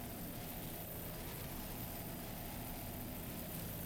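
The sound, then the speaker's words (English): A 33-foot Fountain racing powerboat of Team Ultra, Conrad Fountain Racing, powered by twin Mercury 500 horsepower engines, drones in a steady, unbroken roar with a rough low rumble and broad hissing spray noise over bumpy water at the SBI APVA National Championship, Deerfield Beach, holding an even level with no voices. “It's powered by twin Mercury 500 horsepower engines.”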